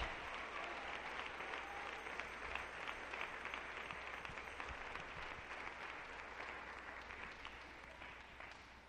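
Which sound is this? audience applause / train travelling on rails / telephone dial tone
audience applause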